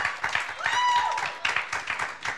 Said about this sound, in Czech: Potlesk prosím za to, že přihlásili svoji písničku.